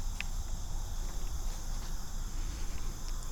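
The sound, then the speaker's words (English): A steady, high-pitched whine of many mosquitoes hums continuously outdoors, with a faint low rumble underneath and no one speaking. “Mosquitoes, there's a lot of mosquitoes out today.”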